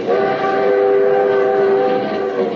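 A moving limited train rumbles steadily for the whole stretch, with sustained, layered horn-like tones held over a broad, loud roar. No one speaks.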